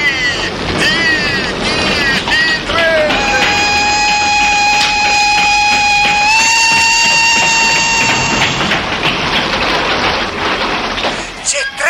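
A train rumbles along steadily with a loud, continuous roar, and a long whistle blasts for several seconds in the middle, rising slightly in pitch before it cuts off.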